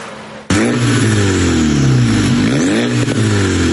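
A car with a straight-through exhaust bursts in after a brief quiet moment and revs hard, its loud, raspy exhaust roar rising and falling in pitch, with no voices.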